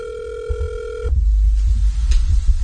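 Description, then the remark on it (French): A phone rings with a WhatsApp call tone, a steady, fairly loud buzzing note lasting about a second before it cuts off, followed by low rumbling handling noise. “Mais où est-ce qu'il y a un WhatsApp qui fait téléphone à sonner?”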